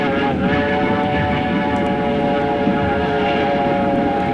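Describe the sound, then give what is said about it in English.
A train roars through the outskirts of Armadale, a loud, continuous rumble with a droning hum running through it, unbroken for the whole stretch. “As the train roared through the outskirts of Armadale, I thought of what I'd said to Charles and wondered how effectively I'd got the message across.”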